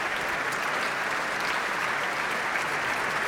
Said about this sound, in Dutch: Groot applaus hier voor de pianist Jevin Bronfman.